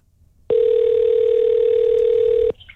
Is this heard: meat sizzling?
no